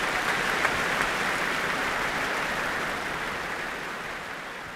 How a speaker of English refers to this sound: And Kirill Petrenko is back. I think there's going to be several rounds of applause for him here tonight.